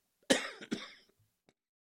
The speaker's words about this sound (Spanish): Ay, usted disculpe, pero bueno, se vino de repente la tosecita. Esa tosecita.